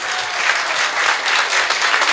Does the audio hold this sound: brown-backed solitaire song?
no